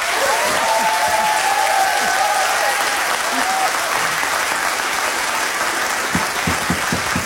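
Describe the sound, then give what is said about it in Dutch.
Sustained applause from a studio audience fills the whole stretch, dense steady clapping with a few louder individual claps near the end and a faint murmur or cheer mixed in. “Ik zou zeggen, laat de mensen voor jou klappen.”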